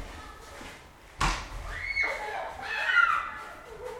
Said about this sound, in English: They're going nuts. They're getting all this snow off the top of the cars, like bigger and bigger snowballs, and throwing them hurtling through the air at one another's heads. Should I have a Yeah, let's listen to the snow fight. Snowball fight.